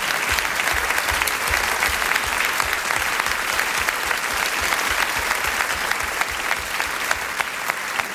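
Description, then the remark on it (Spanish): Sustained applause from a large audience after a play, dense and steady clapping filling the whole stretch at a loud, even level with no voices standing out. “Gracias, gracias a todos por este aplauso”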